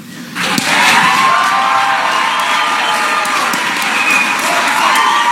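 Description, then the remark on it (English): A large crowd rises for a standing ovation for radio host Matt Bear at a WIBC event, bursting into loud, sustained cheering and applause after a brief quiet start, with whoops and clapping blending into a dense, roaring wall of sound that holds steady throughout. “So, on the count of three, I feel like we should all give Matt one standing ovation that he deserves.”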